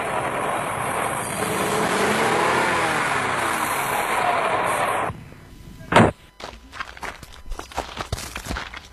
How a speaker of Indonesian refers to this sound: Laju kendaraan kami agak melambat ketika berpapasan dengan mobil angkutan umum yang mengangkut anak sekolah yang menuju ke arah kota Gorontalo karena jalannya tidak terlalu lebar.